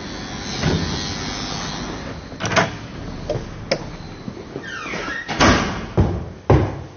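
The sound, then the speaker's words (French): The front door of an apartment building in the 20th arrondissement of Paris opens and closes: a series of sharp latch clicks and clunks, a brief creaking squeal, then solid thuds as it swings shut, with no one speaking. “Bonjour, on a été franchir la porte devant et troisième étage.”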